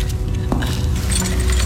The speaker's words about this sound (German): bitte seien Sie so gut, stecken Sie den Schlüssel auf diese Seite der Tür, ja?